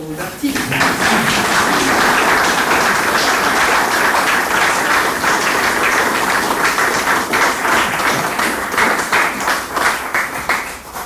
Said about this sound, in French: Et vos applaudissements, que je vous invite à concrétiser, vont d'abord pour eux, et je vous remercie.